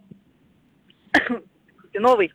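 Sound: coughing and throat clearing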